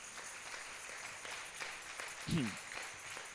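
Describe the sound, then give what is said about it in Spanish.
A church audience applauds for the King of Kings in a steady, dense patter of clapping that continues for several seconds, with a short voiced cheer rising briefly from the crowd partway through. “¿Cuánto le da un aplauso al Rey de Reyes?”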